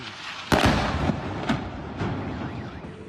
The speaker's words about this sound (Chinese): 至于在阿巴斯港，有目击者就拍摄到遇袭一刻，现场据报发生多次爆炸，当地官员称有2人受伤，部分地区电力供应中断。